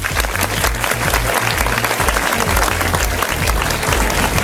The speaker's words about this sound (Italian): Facciamo un applauso a ….